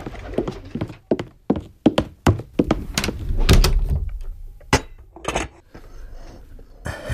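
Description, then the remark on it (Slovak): A door is pulled shut amid a run of sharp wooden clacks and thuds, like hurried footsteps and handling, with a heavier thump near the middle and no voices. “Zober misu a odnes ju do prípravne. Áno, madam. A zavri za sebou dvere.”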